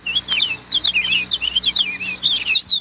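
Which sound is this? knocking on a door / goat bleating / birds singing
birds singing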